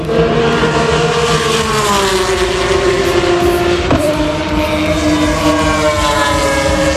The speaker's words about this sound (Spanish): Así suena la Fórmula 1 en Madrid.